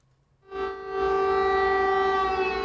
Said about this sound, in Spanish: Las sirenas avisaban de ataque aéreo, pero no de su magnitud.